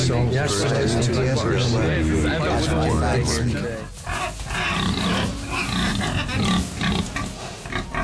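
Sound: pig grunting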